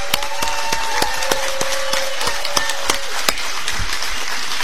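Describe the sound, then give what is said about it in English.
A crowd at Heavy Duty in Gorham, Maine, applauds incumbent senator Susan Collins steadily, a dense wash of clapping with sharper individual claps popping through, and a thin sustained whistle-like tone running beneath it for the first three seconds. “Everybody, give Susan Collins a round of applause.”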